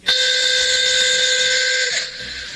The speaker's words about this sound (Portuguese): A buzina que eu coloquei no meu táxi novo.